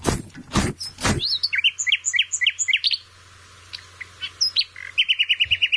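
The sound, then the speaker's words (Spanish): Birds chirp and sing in bright, repeated bursts, with a brief pause and scattered calls before a quick run of rapid tweets, after a few dull knocks at the start. “No le gusta el sonido de los pájaros, las nubes, las montañas ni el cielo.”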